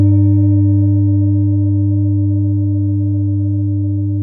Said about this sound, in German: Und trotzdem dieser Klang von den Klangschalen, dieses tiefe Vibrieren.